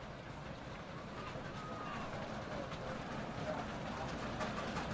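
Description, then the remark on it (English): A dense, steady crowd roar with a low rumble of fans stomping on stadium stands during a soccer match involving West Virginia, scattered thuds rising out of the noise throughout, indistinct voices mixed in. “Fans stomping. And you can hear it”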